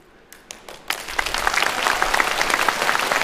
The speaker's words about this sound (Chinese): 都鼓掌了，走啊！